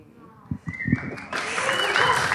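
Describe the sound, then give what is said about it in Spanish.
Audience applause swells in after a moment of murmuring, becoming a dense, steady wash of clapping that stays fairly loud through to the end. “Y el sonido de los aplausos, ¿por qué no?”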